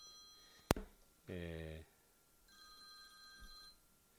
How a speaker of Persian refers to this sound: ببخشید تلفن اومد، من مجبور بودم قطعش کنم، حواسم رفت جواب شما رو کامل.